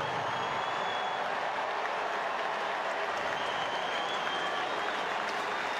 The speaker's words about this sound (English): Tipped his cap to the crowd when they applauded him after the video, and gonna give one more wave.